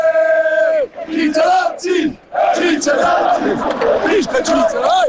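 A loud crowd of Switzerland fans cheers and shouts, celebrating Switzerland's 2-0 win over Algeria and a place in the round of 16. Many voices whoop and yell together, with brief dips between bursts of jubilant noise.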